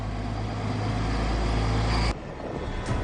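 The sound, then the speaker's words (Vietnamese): Heavy construction trucks carrying building materials roar along Vũ Trọng Phụng street in Hanoi, Vietnam, at 1 a.m., coming in from Nguyễn Trãi; a loud, steady low engine rumble with broad road noise that changes abruptly near the end as traffic rushes by. No one speaks. “Xe vun vút chạy trên đường từ Nguyễn Trãi vào đường Vũ Trọng Phụng, sau đó rẽ về hướng Nguyễn Như Kon Tum, Hoàng Đạo Thúy.”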